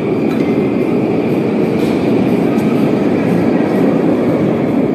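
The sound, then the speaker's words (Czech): Steady, loud rumble of a subway train running in the Novosibirsk metro, a dense low roar with faint rattling and a thin high whine throughout, and no talking. “Tak tady vidíš, jak se vzkází do metra, jo?”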